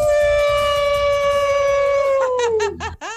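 A single loud wolf howl, held long and steady while slowly sliding lower in pitch, then breaking into a few short, choppy yelps before cutting off. No one speaks.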